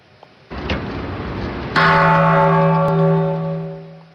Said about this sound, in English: The annual ceremony of ringing the peace bell at the UN takes place ahead of the International Day of Peace on September 21st.